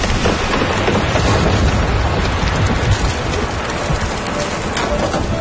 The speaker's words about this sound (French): La petite pluie des derniers jours était devenue torrentielle pendant la nuit. La rivière est sortie de son lit.